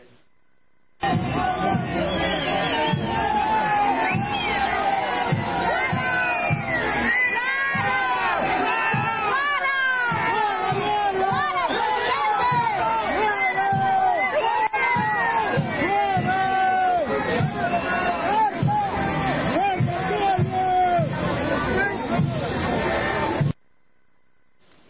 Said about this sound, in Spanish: Y esto no está bien porque lo abuchean, le dicen una cosa, le hacen la otra. Poné los abucheos.